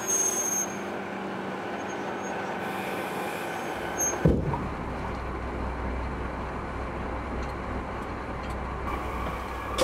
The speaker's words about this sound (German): Wir haben heute nicht genug Strom. Das heißt, wir werden jetzt mit der Diesellok an den Zug geschleppt. Und dann dürfen wir nachher außenrum den stromlosen Bereich umfahren.